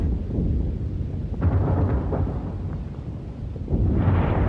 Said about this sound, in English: There's a dense smoke screen as the battleships and the warships, the smaller warships, sweep along there, firing all the time against the shore and some of them laying a smoke screen for us.